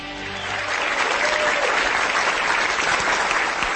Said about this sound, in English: In case you haven't noticed, we're having a bit of a frolicking time. They make us clap. I know they do.